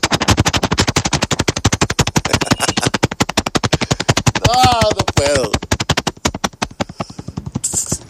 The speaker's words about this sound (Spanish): Permitime, se me está yendo de lado el helicóptero.